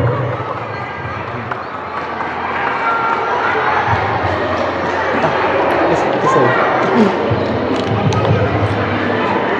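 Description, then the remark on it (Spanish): A crowd at a Children's Day (Día del Niño) event of the Municipalidad Distrital de Ite breaks into sustained welcoming applause for a district councillor invited to read the historical review, a dense, steady wash of clapping that stays loud for about ten seconds, with murmuring voices mixed underneath. “para quien también pido los aplausos de recibimiento, por favor.”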